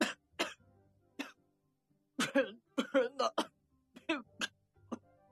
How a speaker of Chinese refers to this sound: 史金吸了第一口，立刻剧烈地咳嗽起来。在咳嗽中，他的话全被崩成全无伦次的碎语。